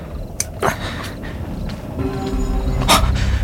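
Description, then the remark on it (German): An old man's dog pants and snorts, with a few short breathy bursts scattered over a low, steady background rumble; no one speaks. “Offenbar hat er seinen Hund gefunden.”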